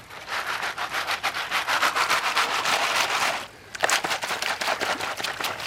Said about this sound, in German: Hinter einem großen Stein schaufelt er Sand, Kies und Schotter in das Sieb. Die großen Steine sortiert er gleich aus. Dann hält er das Sieb ins Wasser, gibt die Pfanne darunter und schüttelt.